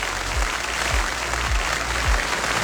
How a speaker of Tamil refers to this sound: ஒரு பலத்த கைத்தட்டரோட நிகழ்ச்சியை தொடங்கிடலாம்.